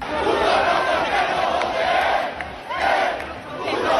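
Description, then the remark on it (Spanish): A large crowd of young people, some with Francoist flags, shouts insults together, yelling "puto rojo el que no vote" in loud, sustained, overlapping yells, surging in waves with brief dips before rising again, in a coordinated attempt to break up the housing protest camp at Puerta del Sol. “Gritando puto rojo el que no vote ayer en un intento coordinado que hubo para reventar la acampada de la Puerta del Sol por la vivienda.”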